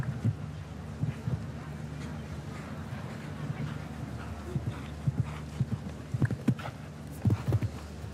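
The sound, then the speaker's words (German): Muffled hoofbeats of a show-jumping horse approaching a staircase-shaped rail jump thud in uneven bursts over a steady low hum. The strikes come sparsely at first, then cluster more quickly and loudly toward the end. “Ja, Pferd kann ja die Höhe springen, springt aber hier zu flach rein schon und verliert jetzt leider Gottes zusehends an Höhe im Schlusssegment dieses Kurses.”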